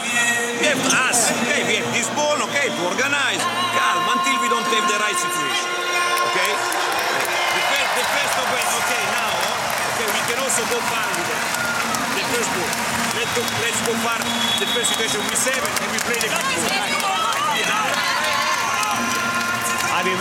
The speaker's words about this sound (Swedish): Alla kanske undrar varför det jublas på det här sättet. Och vi hör ju Lejonkungen-musiken.